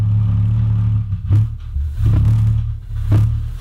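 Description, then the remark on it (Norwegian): A steady, loud low-pitched hum, the Windsor Hum recorded in Windsor, Canada, drones throughout with a rumbling, engine-like quality, broken by a few brief clattering bursts; no one speaks. “Dette et av mange opptak som ligger der ute av The Windsor Hum fra Windsor I Kanada.”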